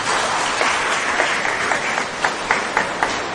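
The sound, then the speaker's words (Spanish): Applause from a small crowd for the winner of a raffle, a dense steady patter of many hands with a few sharper individual claps standing out toward the end, no voices over it. “Un aplauso a la ganadora.”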